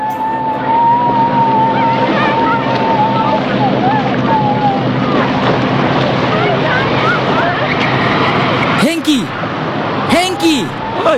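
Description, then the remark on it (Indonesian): A fishing boat's motor drones steadily and loudly as the boat sails out to sea, with a busy wash of water and shifting tones, plus a few brief chirping sounds near the end. “Kapal kemudian berlayar jauh di tengah laut.”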